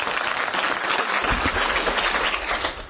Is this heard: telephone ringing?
no